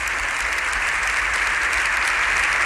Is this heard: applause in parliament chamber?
yes